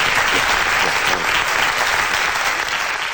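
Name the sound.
audience applause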